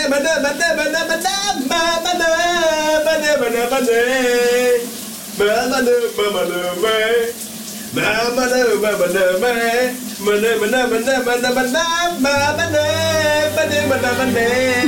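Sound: man singing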